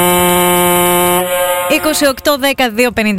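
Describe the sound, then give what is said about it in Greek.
A ship's horn, used as the call-in cue for a song contest on Kiss 961 radio, gives one long, steady, buzzing blast lasting under two seconds. It is followed by a voice with a wavering pitch. “Καλέστε αμέσως μόλις ακούσετε τον χαρακτηριστικό ήχο του πλοίου.”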